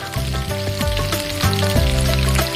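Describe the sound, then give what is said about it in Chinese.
Shrimp heads are stir-fried continuously in a little hot oil in a pot, making a steady sizzle for the full clip. A sustained tonal hum runs underneath, and no one speaks. “锅内放少许油，油热后下入虾头，不断翻炒，炒出香味。”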